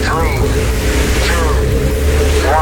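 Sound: rocket engines igniting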